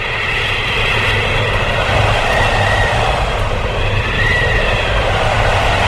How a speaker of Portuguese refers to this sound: É, verdade, eu vou abrir a janela aqui. Pera. Só pra ter a noção da ventania que tá aqui fora. Não, presta atenção. Ó.